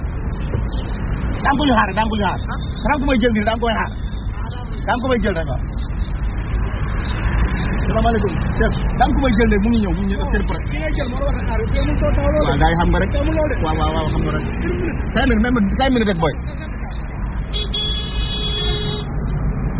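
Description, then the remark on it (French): Steady street traffic with buses rumbling past, a constant low engine drone filling the background while people talk over it throughout. “Tu es là dans 5 minutes, alors on essaye de ne pas se faire chasser par les bus.”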